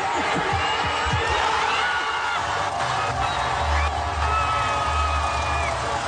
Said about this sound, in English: That's the sounds of fans at a watch party in Mexico City. Listen to them scream as Mexico's Julian Quiñones makes the first goal of the World Cup tournament playing against South Africa.